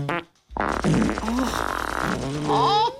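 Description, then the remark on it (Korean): A quick short fart, a brief pause, then a long, loud, sputtering fart run with squeaky rising and falling pitch, with no talking; various people in a group with a Buddhist monk breaking wind one after another. “그 말에 용기를 낸 누군가 다시 방귀를 끼었고 그러자 모두들 참고 있었는지 다양한 방귀들이 터져나오기 시작한 거예요.”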